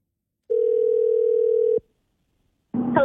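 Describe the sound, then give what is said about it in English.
A steady, mid-pitched telephone tone, as a call is placed to someone for a radio game, sounds for just over a second, then cuts off into silence before a voice begins speaking at the very end. “Okay, let's call someone up here.”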